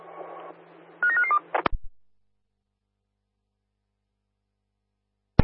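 A quick run of four or five telephone keypad beeps, tightly spaced, follows a low hum, then a couple of sharp clicks, a long silence and one more click.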